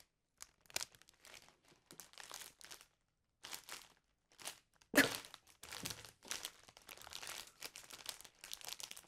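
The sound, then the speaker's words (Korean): Crisp crackling and crunching bursts, an ASMR imitation of walking on very crispy dry autumn leaves, coming in irregular clusters with brief pauses and one sharper, louder crunch midway. No one talks. “이게 약간 이거 잘 맞을지 모르겠지만 걸어갔을 때 완전 바삭한 나뭇잎 밟을 때 그 소리를 한번 해볼게요.”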